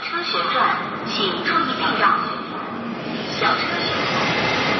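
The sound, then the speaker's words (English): A steady mechanical hum with whirring tones that rise and fall in sweeping arcs as an industrial robot arm swirls and twirls in a Chinese factory, moderately loud and continuous, with indistinct voices. “I'm not sure if you can hear clearly behind me, but that is the sound of the swirling, twirling movement of a robot arm.”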